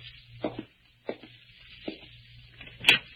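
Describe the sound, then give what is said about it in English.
A door being opened: a few dull knocks and rattles of the handle and latch, spaced unevenly, ending in a sharper, louder click, with no voices. “Well, I'd like to open my own Sit door.”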